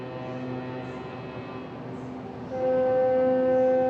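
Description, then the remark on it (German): Several small boats sound their horns at once around the cruise ship Aida Diva as it casts off in a port city, sustained and overlapping over a low engine rumble, and a louder horn joins in partway through and holds to the end. “Eigentlich ein lautloses Manöver. Wären da nicht die anderen hupenden Schiffchen drumherum?”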